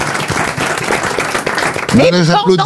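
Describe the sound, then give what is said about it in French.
A burst of applause for a correct answer on a quiz, dense and steady for about two seconds, fades as a voice begins speaking over the tail end. “Là, j'applaudis.”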